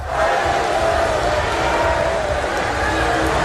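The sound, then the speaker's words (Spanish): A large crowd in an auditorium at the Reform UK party conference boos and jeers loudly and without pause at women protesters who interrupted Nigel Farage's speech with shouts, many voices merging into a dense, sustained roar for the whole stretch. “Los asistentes han respondido con abucheos y rápidamente los servicios de seguridad han sacado a las manifestantes.”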